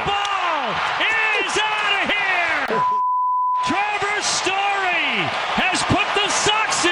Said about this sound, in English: Yeah, that beep is for Kevin Millar, the analyst in the booth last night with an expletive deleted after the go-ahead run.